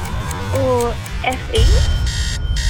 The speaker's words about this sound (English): No, she answered incorrectly on the buzzer. Oh, no!